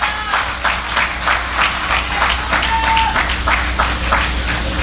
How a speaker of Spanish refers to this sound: Vamos, dele fuerte las palmas al Rey.